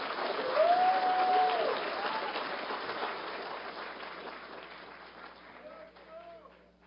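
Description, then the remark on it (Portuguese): An audience at a Vai-Vai samba school event breaks into a dense burst of clapping, loudest in the first seconds, then thinning out and slowly fading over about seven seconds, with a short high cheer near the start. “Uma salva de palmas.”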